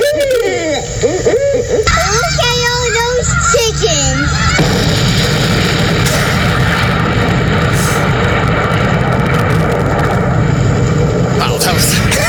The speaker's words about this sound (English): That's it. It's just a long, a long explosion. It's just a long explosion that trails out over time.